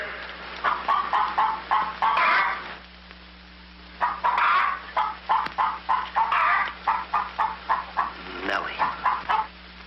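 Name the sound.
hen clucking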